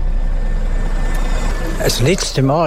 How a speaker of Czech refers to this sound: První obnovený autobusový spoj je do Bernau a Tischnerreuthu se právě teď rozjíždí.